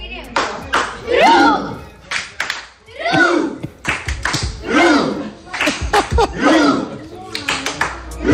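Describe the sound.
A family of ten people seated in the middle of a floor after the final whistle doing a rowing celebration, recorded on a phone: loud, rhythmic shouting and chanting voices punctuated by repeated claps or slaps, with a lively, steady beat throughout.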